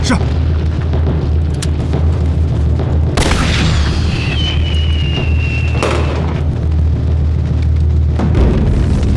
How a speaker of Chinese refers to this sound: 发射信号弹。